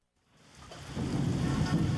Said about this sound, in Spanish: La lluvia ha comenzado a empapar las calles de la ciudad.